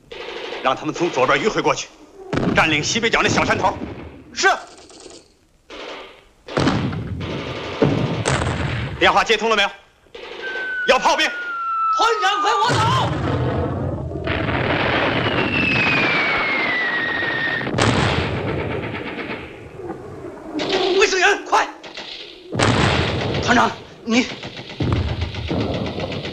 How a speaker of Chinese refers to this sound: 敌人火力太猛，上不去。